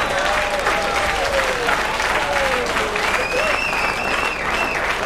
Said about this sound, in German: Ja, jetzt möchte ich wissen, wofür wir den Applaus jetzt kriegen.